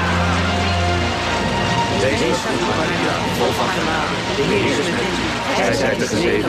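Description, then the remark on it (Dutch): Steady, dense rainfall pours down continuously, a loud hissing wash that fills the whole scene, with the murmuring voices of a crowd of about 70,000 people gathering in the downpour on 13 October faintly mixed in. “Op 13 oktober stroomden 70.000 mensen toe onder de gutsende regen.”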